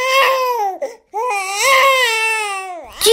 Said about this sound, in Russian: Но приближалось время обеда. Малышу захотелось кушать, и к тому же он понял, что рядом нет самого главного – мамы. Ребеночек начал плакать.